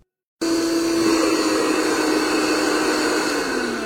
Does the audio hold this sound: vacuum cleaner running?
yes